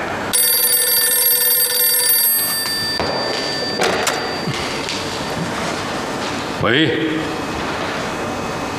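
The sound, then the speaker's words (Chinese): A telephone rings loudly with a bright, steady bell tone for about two seconds, then cuts off, leaving muffled background noise and a brief rising sound. The call is from Secretary-General Zhang. “啊，是张秘书长的电话吧？”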